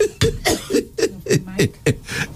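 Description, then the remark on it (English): A loud run of about eight harsh coughs and throat-clearing bursts in quick, uneven succession, each a rough, raspy explosion of breath with short gaps between. “Because I'll have to be clearing my throat.”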